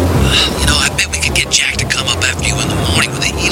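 A night thunderstorm: steady heavy rain hisses loudly while deep thunder rumbles low underneath, rolling and swelling throughout, with a few sharper gusty bursts of storm noise cutting through.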